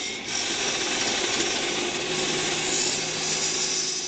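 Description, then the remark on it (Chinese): Steady, loud mechanical roar of construction machinery with a harsh, grinding sawing quality at the Jincheng Jinxiu Huayuan urban renewal project construction site in Xiuying District, Haikou, continuous throughout, with no talking. “在机器轰鸣的施工现场，消防班组长秦新世正带着工友们穿梭在钢筋水泥之间。”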